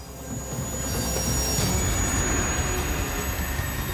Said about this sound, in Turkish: Kömür treni. 10 bin ton ağırlığında çeyrek milyon değerinde yük taşıyor. Uzunluğu 700 metreyi buluyor.